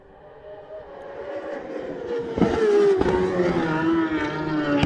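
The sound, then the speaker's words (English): Dunlop's racing motorcycle engine screams louder and louder on Glen Crutchery Road as it approaches the TT Grandstand, its harsh, buzzing whine holding a high, steady note before the pitch slides gently downward as it roars past and backs off. “You'll start to hear the revs rise as he comes to us here at the TT Grandstand.”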